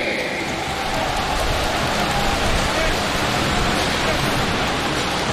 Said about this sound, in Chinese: 来，掌声给兄弟们鼓励鼓励。